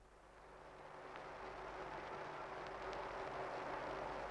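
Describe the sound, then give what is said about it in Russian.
A steady, rumbling drone of aircraft engines swells slightly and holds, thick with the hiss and hum of an old worn recording, with no voices. “И вот закружилась старая пленка, и из далекого прошлого доносится до нас рокочущий гул самолетов.”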